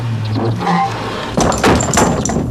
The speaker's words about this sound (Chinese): 关门。